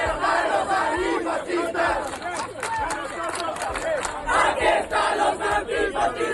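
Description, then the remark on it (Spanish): A large crowd of camped protesters chants the slogan "fuera fascistas, de nuestros barrios" in unison as they chase out Vito Quiles, many raised voices shouting loudly and continuously with a rhythmic, surging cadence throughout. “Los acampados perseguían y conseguían echar a Don Goel y más tarde a Vito Quiles, al grito, como estáis escuchando, fuera fascistas, de nuestros barrios.”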